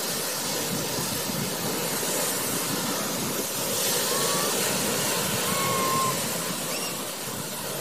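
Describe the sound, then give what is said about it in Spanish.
A steady, even rumble and airy air-conditioning hiss fill a moving Tren Maya passenger carriage in Mexico, with faint high squeals from the rails drifting in midway. The passengers are silent. “Hoy, lo que predomina entre los pasajeros es el silencio y el aire acondicionado.”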